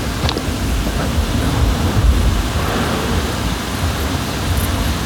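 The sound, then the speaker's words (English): Steady, rushing noise of water running inside a street drain in the sewers, with a deep rumbling low end, continuous and loud for the whole stretch with no talking. “Shame that the drain is so loud, the running water inside the sewers.”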